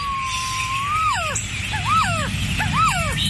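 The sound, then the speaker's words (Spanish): A resplendent quetzal, Guatemala's national bird, sings: a long, steady whistled note followed by three clear phrases of rising-and-falling swooping whistles, heard over a low, steady background hum. “¿Has escuchado alguna vez cantar a nuestra ave nacional? Aquí unos segundos de su canto.”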